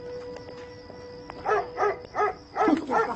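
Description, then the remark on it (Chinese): A household's dog barks four or five times in a quick, fairly even series, loud, after a second of quiet background hum. “没事，他们家有狗，咱快点走。”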